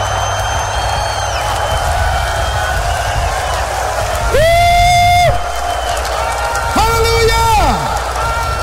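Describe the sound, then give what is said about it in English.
A large church audience screams and cheers continuously during a sermon, a dense, loud roar of voices, with two brief sustained musical swells rising over the noise. “Come on, scream if you got the revelation.”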